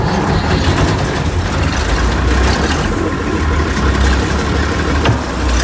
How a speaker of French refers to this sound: Quatrième étape, on allume le moteur.